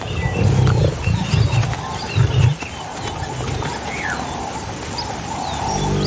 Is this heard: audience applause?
no